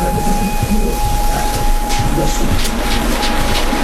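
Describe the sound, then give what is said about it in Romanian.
The Orient Express passenger train rolls through fir trees at night in a loud, steady rumble, a thin constant whine riding over the roar of wheels on track, with no voices. “Între brazi în întuneric, luminile vagoanelor gonesc ca un lanț de licurici.”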